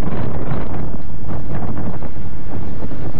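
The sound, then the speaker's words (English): Strong wind at sea of almost 28 knots, about force 6 or 7 on the Beaufort scale, with high waves, roars steadily and loudly, buffeting the microphone with a continuous rushing, rumbling noise, with no voices present. “I don't remember how much it, maybe 6 or 7 by BO4 scale, it's wind. It's maybe almost 28 knots wind.”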